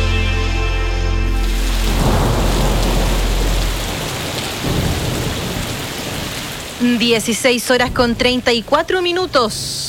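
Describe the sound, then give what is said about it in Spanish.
Heavy rain hisses steadily with a deep rumble of thunder rolling underneath for several seconds. Then a voice comes in, in short rhythmic bursts, as the storm sound fades back. “Y es como de lluvia igual.”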